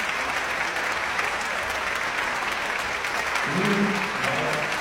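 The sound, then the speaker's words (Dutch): Sustained applause from a large indoor concert hall audience for the Radio Philharmonic Orchestra and conductor Marcus Stenz after the Dutch premiere of Kate Moore's Blue Light Sphere. A dense, steady wash of clapping continues throughout, with a faint low murmur rising briefly near the end. “Applaus voor het Radio Philharmonisch Orkest”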